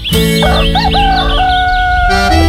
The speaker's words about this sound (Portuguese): O Galo cantou